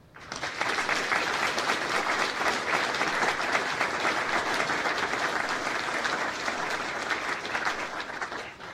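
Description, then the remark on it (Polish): Sustained applause from a large audience at a university matriculation ceremony, during a joint photo with the rectors, fills the whole stretch, steady and dense with countless overlapping claps, rising quickly at the start and holding loud before tapering slightly near the end. “I to, szanowni państwo, moment na po pierwsze wspólne zdjęcie z państwem rektorami, ale także wielkie brawa.”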